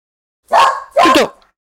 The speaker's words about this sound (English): Dogs are going mad just because a van has driven past the villa about a quarter of a mile away.